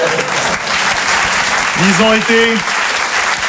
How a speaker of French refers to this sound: On applaudit l'équipe technique.